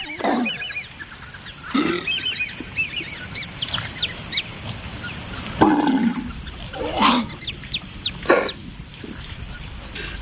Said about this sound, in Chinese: 毛是斑鬣狗少数无法消化的东西之一，所以托尼必须把它吐出来。吐出来的毛和蹄子、腐肉、草裹在一起，他在呕吐里挑拣可以吃进去的东西。